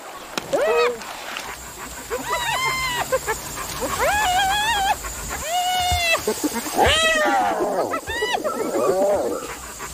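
African wild dogs give a string of high, whistling, chirp-like calls, several overlapping bursts rising and falling in pitch, loud against a soft outdoor background.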